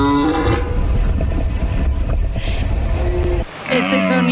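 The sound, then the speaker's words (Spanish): A red deer's rutting bellow: loud, deep and rasping, drawn out for several seconds, then a brief pause before another guttural roar begins. “Este sonido, que para algunos puede ser un tanto perturbador, es ni más ni menos que un ciervo.”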